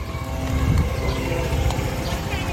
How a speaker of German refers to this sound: Beirut, Ende Mai 2026. Über der Stadt kreisen israelische Drohnen. Ihr Brumm gehört seit Monaten für die Menschen zum Alltag.